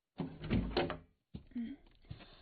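A door is opened: a rattling clunk of the latch and handle, a brief pause, then a softer scraping creak as it swings.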